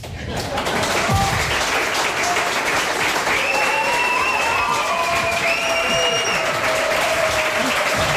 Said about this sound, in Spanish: recibidos en este reemprendimiento del programa con esta ovación tan espontánea.